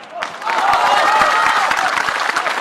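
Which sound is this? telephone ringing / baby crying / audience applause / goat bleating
audience applause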